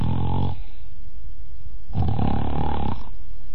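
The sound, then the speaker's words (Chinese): A performer imitates the loud snoring of Kou Zhun, a character in the story who lies in bed snoring with his eyes open. There are two long, rumbling snores, one at the start and another about two seconds later, with a quiet pause between them. No other talking. “不大会儿的功夫，就听寇准打上呼噜了。”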